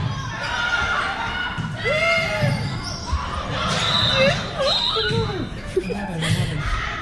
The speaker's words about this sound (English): You can hear the excitement in the crowd. Usually happens when we have games this tight.